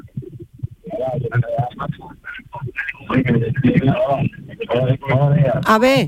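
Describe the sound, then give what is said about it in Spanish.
Thin, band-limited voices come through a telephone line, with a radio playing in the background on the other end, steady and fairly loud under the talk. “Baja la radio y que alguien se acerque bien al teléfono, porque si no, no se escucha bien, ¿eh?”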